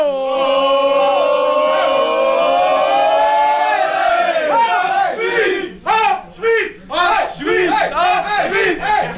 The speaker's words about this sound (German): Wir probieren noch schnell zu ringsherum einen Optimismus-Schrei, ein Hopp-Schweiz oder eine Welle zu schicken. Sind ihr parat? Hier in der Kleinstadt zu Brunnen.